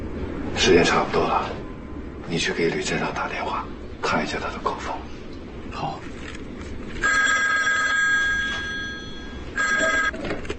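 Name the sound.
telephone ringing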